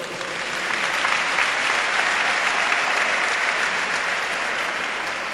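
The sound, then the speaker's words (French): An audience breaks into sustained applause, a dense, steady wash of many hands clapping that holds for several seconds before easing slightly at the end. “Et vous pouvez vous applaudir.”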